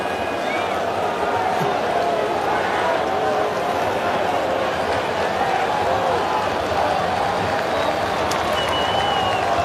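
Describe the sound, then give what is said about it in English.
A large baseball stadium crowd roars steadily with cheering and scattered applause as Vargas's challenge of a called strike is ruled a ball in the sixth inning against Cleveland, a dense, continuous wash of noise that stays loud and even throughout, with indistinct voices blended into the din. “We'll see how the challenge goes. Crowd will tell you.”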